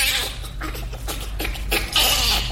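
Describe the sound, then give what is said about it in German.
A bonobo laughing in a run of shrill, breathy squeals and panting bursts that come in quick uneven pulses, fairly loud, with no one talking. “Klar, es tönt anders, aber so vom Rhythmus her dann doch irgendwie ein bisschen ähnlich wie der Bonobo, den wir gerade gehört haben.”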